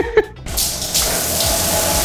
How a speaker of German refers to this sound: Wasser aus der Dusche.